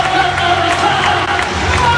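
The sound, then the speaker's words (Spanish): A large stadium crowd at the Camp Nou roars in a steady, dense wash of cheering and applause as Karim Adeyemi comes out wearing number 14. It stays loud throughout the two seconds, with scattered whoops rising above the mass of voices. “Oye, ¿ha sido como mucho más ovación a Anthony Gordon?”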